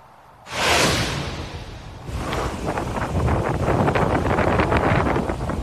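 Loud wind and rain of storm Isaias in Fort Walton Beach roar, surging in suddenly after a brief quiet moment and then rushing on steadily with rough, gusty bursts. No voices are heard.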